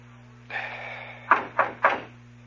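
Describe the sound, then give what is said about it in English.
Three sharp knocks on a store door in quick, even succession, moderately loud, over a steady low hum and faint background hiss. “Okay, knock.”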